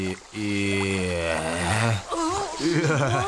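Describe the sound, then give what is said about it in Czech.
A cartoon character sneezes through its trunk, blowing out a small character who was stuck inside. A long, drawn-out voiced build-up rises in pitch, then comes a short breathy burst of the sneeze, followed by a wavering, warbling voice. “Ty jsi vypšíknul cvrčku.”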